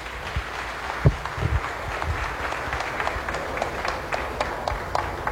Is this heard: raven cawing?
no